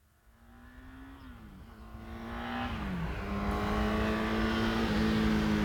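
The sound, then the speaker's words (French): A car engine draws steadily nearer along a road, its hum swelling from faint to fairly loud, with a couple of gear changes dipping the pitch. No voices. “Le premier qui entend quelque chose arriver sur la route, il lève la main, d'accord ?”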